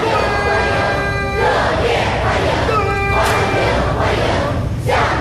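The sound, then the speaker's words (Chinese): A large crowd of young people cheers loudly and continuously in unison in welcome, chanting "warm welcome, welcome, welcome" in rhythmic waves with a dense background roar, outside the north gate of the Great Hall of the People as July 1 Medal recipients arrive. “青少年热情欢呼致意， 热烈欢迎，欢迎欢迎。”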